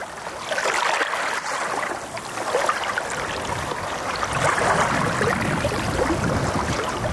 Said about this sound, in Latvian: Jūra akmeņaina. Te ir akmeņaina, jā. Te ir akmeņaina jūra un te ir smilš placīši.